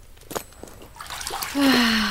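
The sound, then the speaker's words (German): Hot, hauled-in water splashes and pours into a bathing tub, starting with scattered splashes and building into a steady rushing pour with a rising tonal ring from the filling tub. “Jetzt bist du mal dran mit Wasserschleppen”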